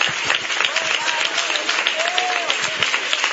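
An audience applauds with steady, dense clapping that fills the whole clip at an even loudness, while a few voices cheer and call out above it.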